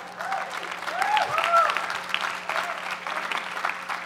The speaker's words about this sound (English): Everyone who knows her is clapping for her and not for me.